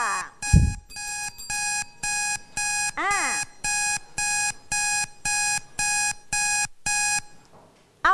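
A classroom countdown timer alarm signals that time is up, beeping in a steady run of about a dozen evenly spaced, bright harmonic bursts. Brief voices break in near the start and in the middle, and the beeping then cuts off.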